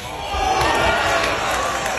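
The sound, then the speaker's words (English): A sharp open-hand slap to the face lands amid a loud, dense crowd, with voices roaring and cheering steadily around it. “Yeah, basically, they just slap each other in the face.”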